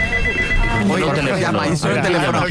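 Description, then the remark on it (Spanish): A telephone in a radio studio rings at 6 in the morning during a test call, steadily with a bright, continuous electronic trill while people talk over it, the ring holding at an even level beneath the voices for the whole moment. “La cosa es que ha sonado un teléfono en la radio.”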